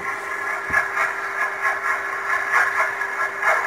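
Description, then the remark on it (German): Container ship propeller noise, the screw slapping into the water, recorded underwater by a sonar buoy: a steady mechanical hiss and hum with a constant tone, pulsing in a fast, regular beat. There are no voices. “Das ist ein Überwasserdampfer, ein Containerschiff von dem.”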